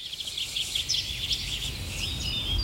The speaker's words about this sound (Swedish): Ja, så här lät det under förra årets sändning av Fågelsångsnatten. En natt fylld av drillar, visslingar och sång från mängder av olika fåglar.